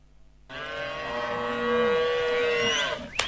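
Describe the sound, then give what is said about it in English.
A cow lets out one long, drawn-out moo that starts abruptly after a brief pause and holds steady for almost three seconds, loud, ending with a faint click. “I want you to guess if this cow is expensive or not. Here's the first sound.”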